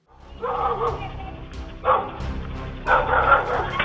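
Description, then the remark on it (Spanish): A guard dog barks aggressively in repeated loud bursts, with scuffling and commotion underneath, three strong surges of barking over a few seconds, as it drives off criminals attacking a woman. “La víctima corre para ponerse a salvo y su perro guardián se encarga de ahuyentar a los criminales.”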